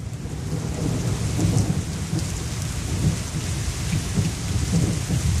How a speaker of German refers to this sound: Ich finde, man muss das auch mal einen Moment stehen lassen, denn so viel haben wir ja derzeit nicht davon. Der Regen, das tut gut. Oder so ein warmer Sommerregen. Und wir alle wissen, wie schön der riecht.